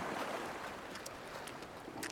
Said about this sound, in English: During the high tide, especially in winter, the water almost reaches our home and we can hear the waves splashing against the shore. The rhythmical movement of the waves always calms me down. Its sound makes me sleepy.